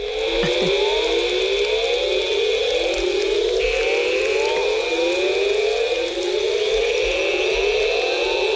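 A tropical rainforest in Tikal Park, Guatemala, at nightfall after a storm: a steady, shrill insect drone fills the background while a dense chorus of rising, siren-like calls repeats over and over, loud and continuous, with no voices.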